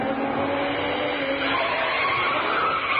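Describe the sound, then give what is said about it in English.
A voice imitates a car roaring up and skidding to a stop, a steady loud rush of engine-like and tire-like noise that fills all three seconds without any talking. “Just for that, I shall do an impersonation of a car approaching.”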